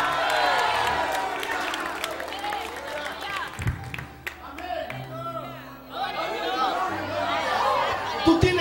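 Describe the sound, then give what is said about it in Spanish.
An audience shouts amen together, many voices overlapping in a loud, sustained burst that dips briefly midway, then swells again with scattered cheers and a few claps. “Alguien grite amén.”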